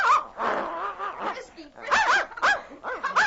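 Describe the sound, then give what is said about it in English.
A small leashed puppy yaps and growls as it attacks the wind-flapped corner of a blanket on a sled, a run of rough, excited noises followed by several sharp, high-pitched yips in quick bursts. “The corner of a blanket on the sled flapped in the wind, and suddenly the pup leaped toward it, pulling the leash from his young master's hand and attacking the blanket with vigor.”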